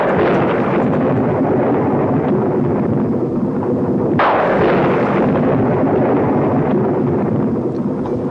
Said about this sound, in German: Der Donner grollt hier am Geburtstag